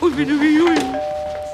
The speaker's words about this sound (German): Da klingelt es und Marlenes Mutter Rosa kommt von oben hinunter ins Wohnzimmer.